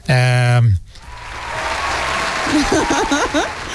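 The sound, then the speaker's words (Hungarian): An applause sound effect during a Facebook live broadcast: a loud buzzer-like tone sounds briefly, then a crowd breaks into sustained applause and cheering, with scattered whistles rising over the clapping toward the end. “Ez az összes tapsoló embert neked rendeltük ide,”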